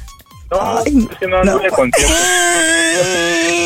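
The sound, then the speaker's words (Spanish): A person's voice mimics a crying baby, loud, with a few choppy wavering wails that give way to one long, sustained cry after a short breathy start. “¿cómo grita, nene?”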